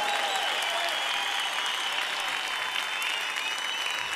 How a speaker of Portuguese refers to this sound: Aplauda Jesus! Aplauda Jesus!